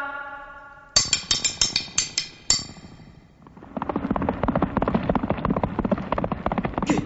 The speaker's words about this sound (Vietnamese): Đúng là tiếng lạc ngựa, chắc quân tuần lão phải đi ngay kêu từ điện hạ.